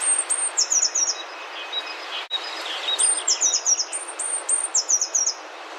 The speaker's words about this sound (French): Toujours à Muro, chêne vert, 24 avril 2024. Petite mésange est à 5 mètres de moi. Elle est dans le haut des chênes. Elle bouge de branche en branche.